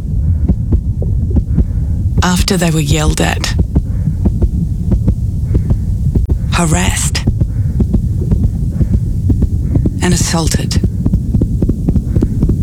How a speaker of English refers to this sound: This is the sound of a shop assistant's heart rate.